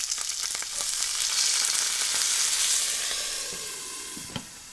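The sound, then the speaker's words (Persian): Steady loud sizzling and crackling as golden-browned, flipped stuffed vegetables (dolmeh) hiss in a hot pot after a tablespoon of water is added and the lid quickly put back on, swelling in the middle with a few sharp pops and clinks near the end, no voices. “در هنگام پختن یک قاشق غذاخوری آب اضافه کنید و سریع دوباره در قابلمه رو بگذارید.”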